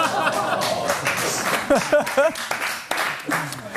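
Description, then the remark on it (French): A crowd at a comedy news show gives the first applause in the show's history, applauding steadily for a few seconds, a dense patter of many hands, with voices calling out and whooping over the clapping. “Putain, le premier applaudissement de notre histoire ici.”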